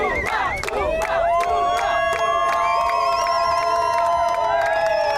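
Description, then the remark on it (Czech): Czech national canoe slalom teammates cheer loudly as a crowd, calling out the names of Czech stars, with overlapping shouts and long sustained calls rising above the noise, plus a few sharp whoops, continuous throughout. “Příležitostí vyvolávat jména českých hvězd měli jejich kamarádi z národního týmu víc než dost.”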